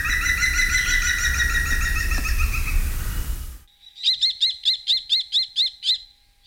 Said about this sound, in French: Le numéro 19, c'est le pivert, qu'on peut voir un peu partout dans la campagne, qui est essentiellement un mangeur de fourmis.